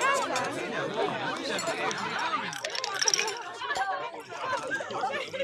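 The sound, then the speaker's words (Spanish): Lively dinner table chatter, with several overlapping voices talking at once in a steady babble, joined by occasional light clinks of dishes or cutlery. “Seguramente estos te parecieron sonidos de una cena cualquiera.”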